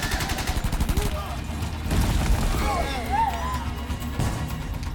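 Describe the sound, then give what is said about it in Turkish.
A rapid series of sharp gunfire-like cracks gives way to a loud, rumbling explosion, with shouting voices mixed into the chaotic din. “Neydi o? Patlama gibiydi.”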